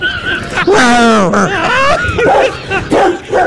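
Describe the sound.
A dog barks and yips, a few loud, pitch-sliding calls over a few seconds, with voice-like sounds mixed in.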